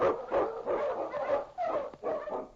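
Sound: husky sled dogs barking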